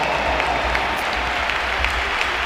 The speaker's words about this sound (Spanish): Se marcha el brasileño que, bueno, ha tenido un partido discreto, pero ha acabado haciendo un gol y un pedazo de asistencia y por eso le aplaude el Bernabéu también.